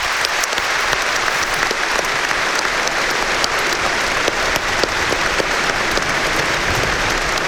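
Sustained applause from a large stadium crowd on All-Ireland final day, a moment's applause in tribute to the late Stephen Gormley, steady and dense throughout with scattered sharper claps standing out, loud and continuous with no talking over it.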